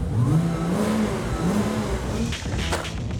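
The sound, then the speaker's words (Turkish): A car engine revs through a newly fitted sports exhaust with a deep, throaty exhaust note, rising and falling in pitch a couple of times, loud, with no talking. “Frenler düzgün çalışıyor ve yeni spor egzoz 1000 poundluk Baxter'ımızın maliyetini çıkarıyor”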